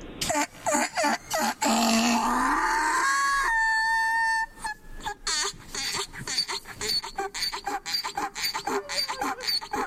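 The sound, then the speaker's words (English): A donkey's mating call: a loud, long, harsh hee-haw bray followed by rapid, rhythmic wheezing gasps, with no voices. “Are you familiar with the donkey mating call?”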